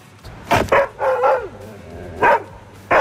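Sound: belgian shepherd dog barking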